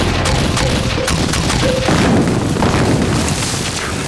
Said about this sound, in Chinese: 命令，飞机和大炮给我轰炸那片地，把它给我撕碎炸平。